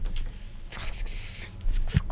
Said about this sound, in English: Can you guys hear me typing over like your headset? Yes. Yeah. That's kind of aesthetic though. Like, I feel like that's like ASMR.